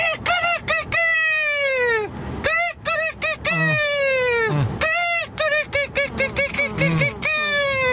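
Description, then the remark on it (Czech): A person imitates a rooster crowing several times in a row, loud, with long strained cock-a-doodle-doo calls broken by short clucking bursts and breaths. “A podle mě to byl nachlazený kohout, možná kohout s covidem.”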